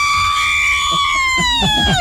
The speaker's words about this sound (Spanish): ¿Y cómo te sientes después de ver la selección mexicana ganar? Bien feliz, bien feliz. A ver, un grito mexicano.